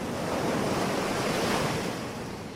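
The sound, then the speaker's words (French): Atlantic Ocean waves wash onto a white sand beach in a steady, full roar of surf, loud, with a broad hiss of churning water and a hint of wind, no voices. “Ce sont les vacances et vous posez votre serviette sur une plage de sable blanc en face des vagues de l'océan Atlantique.”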